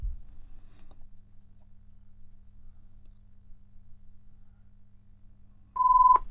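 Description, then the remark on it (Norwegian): After several seconds of low background hum, a single short, steady electronic telephone ring tone sounds near the end, loud and clear, with no one talking. “Da ringer det.”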